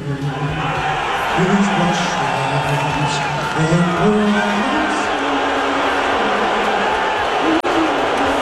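A large arena crowd roars steadily, booing Trump, with long, low sustained booing running throughout and a few scattered cheers and whoops rising above the din.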